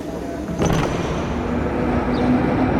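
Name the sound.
tram interior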